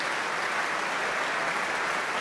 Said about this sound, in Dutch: Staande ovatie, publiek, het was zichtbaar en hoorbaar onder de indruk van deze natuurkrachten die we hoorden.